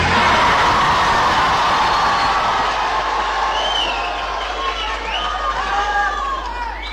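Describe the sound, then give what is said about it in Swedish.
About 200 young people from Tranås and Jönköping cheer and shout together at Folkets Park in Jönköping, Sweden, in a loud, continuous roar that eases slightly midway, with a few high whoops and whistles rising out of the din. “De spontana glada röster vi hörde här alldeles nyss, de kom från en kör”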